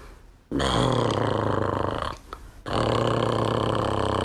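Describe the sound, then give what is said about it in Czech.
A voice imitates loud snoring in two long, rasping, throaty rumbles, the second starting after a brief pause, both rough and low-pitched with a gritty buzz. “Jako když Ferda v maštali začne chrápat.”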